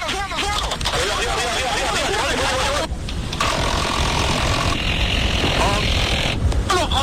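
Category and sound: vehicle, police helicopter rotor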